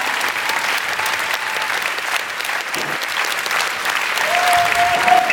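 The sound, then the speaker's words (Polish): Sustained applause from a sizable audience, a dense steady clatter of many hands clapping at once, loud and continuous throughout, with a faint whistle-like tone rising near the end. “Niech wybrzmią te oklaski, żebyście Państwo poczuli klimat, który w lutym w Offenbachu będą zdecydowanie głośniejsze.”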